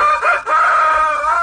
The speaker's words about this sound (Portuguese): Ei, galo velho, olha a hora